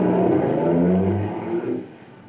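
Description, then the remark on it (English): A car engine hums and revs, then the car pulls away into the darkness at night, its rumble dropping in loudness until it fades out. No voices. “I watched the car till it was gobbled up by the darkness.”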